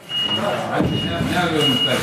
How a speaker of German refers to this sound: Es klingt wie auf einer normalen Baustelle. Am Arm eines Gabelstaplers hängt ein Seil mit einem schweren Stein, der langsam in den Boden eingelassen wird. Es ist nicht irgendein Fußboden, der hier gerade saniert wird.